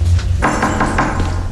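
Police knock on an apartment door: a quick run of about five firm knocks, evenly spaced, with a low steady rumble underneath and no voices.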